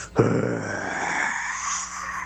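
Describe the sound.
A child imitates a dinosaur roar in an audio sent in to a radio show's dinosaur segment: one loud, raspy, growling cry that bursts in abruptly and holds steady for about two seconds before easing off slightly at the end.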